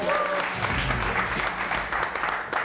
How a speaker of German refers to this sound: Kleinen Applaus.